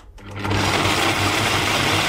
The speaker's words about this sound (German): Ah, so, Leute. Heute wird bei uns ordentlich gemixt. Wow, ganz schön laut dieser Mixer hier. Puh.